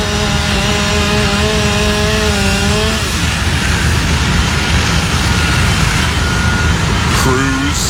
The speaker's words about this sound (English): Sawing into the roof in that video from First Alert 6. The fire department says with heavy fire and hoarder conditions inside, crews were forced to withdraw.